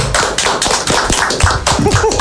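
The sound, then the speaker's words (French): A burst of loud applause from a group, many hands clapping in a dense, irregular patter that holds steady for about two seconds. “Et je pense qu'on peut l'applaudir bien fort.”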